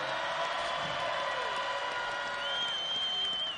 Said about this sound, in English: Can we get another huge round of applause for our indigenous drummers and dancers, y'all? Can you give it up?